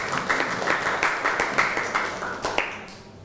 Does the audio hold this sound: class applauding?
yes